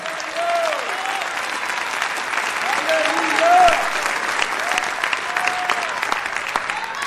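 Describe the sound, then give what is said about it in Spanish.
An audience applauds the Lord steadily, a dense wash of clapping throughout, with scattered voices calling out over it. “Dele fuerte ese aplauso al Señor.”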